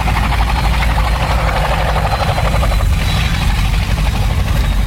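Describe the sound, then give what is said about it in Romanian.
A police helicopter flies steadily, its rotor blades chopping in a fast, even pulse over a loud, low engine drone that holds constant throughout, with no voices. “Eu am să te ajut de aici, pentru că urmăresc la televizor transmisia din helicopterul poliției.”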